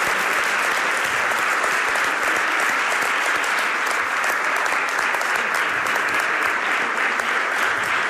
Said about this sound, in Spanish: si no me falla la memoria, también le van a aplaudir, porque la radio vive de esta complicidad, de este vínculo entre los oyentes y los que la intentamos hacer cada mañana.